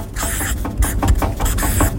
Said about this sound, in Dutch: Oh, dat is wel een beetje een wankelbord. Ja, lekker. Dit is een lekker geluid, toch? Met zo'n stift eroverheen.